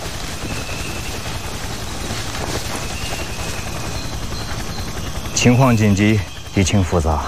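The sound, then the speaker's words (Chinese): A helicopter circling over the sea drones steadily with a dense, rumbling rotor throb that holds for several seconds, then a voice starts talking over the continuing engine noise near the end. “这破直升机一直在海上转悠，咱是不是暴露了？”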